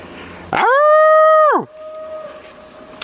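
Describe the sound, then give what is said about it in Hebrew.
A person imitates a leopard's roar at Nahal Namer (Leopard Stream) with one loud, sustained, low-pitched vocal call that holds for about a second and then drops off, followed by a faint lingering tone. “רוצה להראות לנו שהוא שואג כמו נמר ושומעים את זה טוב פה.”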